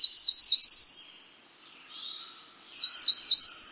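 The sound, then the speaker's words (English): A high, buzzy warbler song trills rapidly in two bursts separated by a short pause, clear, with no voices present. “Nesting from southern wetlands to Arctic willows, species of warblers fill many niches, from fly-catching from the tallest trees to dwelling on the ground.”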